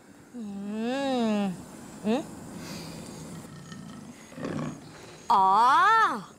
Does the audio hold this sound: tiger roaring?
yes